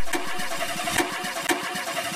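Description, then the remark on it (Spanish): A car engine, with water poured on its spark plug, cranks over and over with a steady, rapid churning rhythm, sputtering without catching, broken by a few sharp clicks or bangs, with no voices. “Oye, ¿a qué le echó agua a la bujía?”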